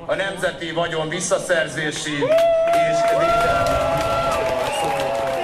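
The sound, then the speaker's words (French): A large crowd in Hungary chants "Put them in prison" in a rhythmic, pulsing cadence after the new Prime Minister announces he will hold the Orban government to account, then swells into loud, sustained cheering and shouting, with many voices layered together throughout. “Mettez-les en prison, scande la foule.”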